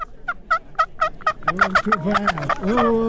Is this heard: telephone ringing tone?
no